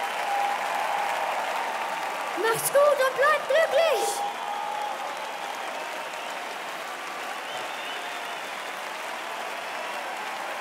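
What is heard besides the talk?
audience applause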